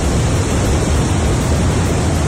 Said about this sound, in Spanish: tormentas en distintos municipios de la provincia que nos dejaban también sonidos como este del río Nacimiento.